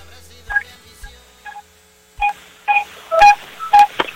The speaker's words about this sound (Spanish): No, pues manches, creo que es la bocina de la bici.